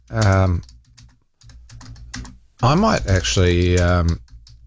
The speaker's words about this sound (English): I'm just quickly typing that in. How long did the Waterview Tunnel take?